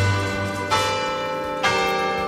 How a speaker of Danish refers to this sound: Det der, det er nostalgi for mig. Ja. Der er mange mener i det. De ikoniske klokker, som har ringet hver dag de sidste 100 år, altså har ringet Radioavisens 12 nyheder i gang.